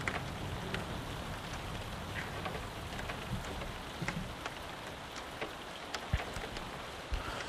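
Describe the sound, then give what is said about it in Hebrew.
Steady rain patters on a window and roof, a dense continuous hiss broken by scattered sharper drips and taps. No voices, just the even wash of rainfall throughout. “תשימו לב, יש שם ממש את הצלילים של גשם על חלון, אפילו על הגג.”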